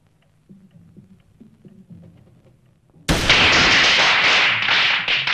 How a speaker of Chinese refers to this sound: 放鞭炮！香港不准放鞭炮了，附近一定有中国人住。